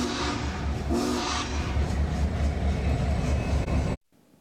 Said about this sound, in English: The train still has several more whistle stops along the Union Pacific route, traveling along the Platte River until Grand Island, then heading up towards Columbus.